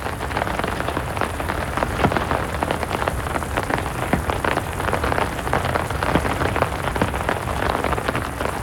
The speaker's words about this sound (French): Oh, ça tambourine, pas pareil. Oh, elles sont fortes, ces gouttes d'eau. Toutes ensemble, elles font un bruit, un gros bruit.